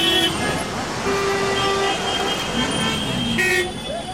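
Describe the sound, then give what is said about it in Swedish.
Dense, congested street traffic in front of the large railway station in New Delhi, India, rumbles steadily, with engines idling and horns tooting repeatedly in short bursts amid an indistinct murmur of voices. “Den infarktartade trafiksituationen framför den stora järnvägsstationen i Indiens huvudstad New Delhi kan vara en bild för att allt inte har gått bra med Nagoya-protokollet.”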